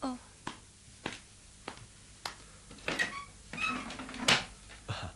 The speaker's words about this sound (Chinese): 我谂梗系佢。等我开门睇下。